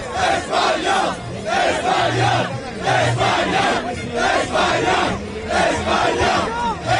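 A large crowd of Spain football fans chants and cheers loudly and continuously on the streets of New Jersey, celebrating Spain's second World Cup title, voices rising and falling in rhythmic waves with shouted bursts, with no single speaker standing out.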